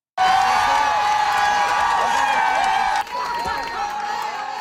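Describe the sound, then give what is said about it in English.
A large crowd of fans cheers and shouts outside the Verdun Auditorium as the Montreal Victoire women's hockey team gets off the bus from Ottawa with their first Walter Cup; a dense, loud roar of voices with whoops holds steady, then eases slightly while the cheering carries on. “Those are fans cheering the Montreal Victoire as they got off the bus from Ottawa and hoisted their first ever Walter Cup.”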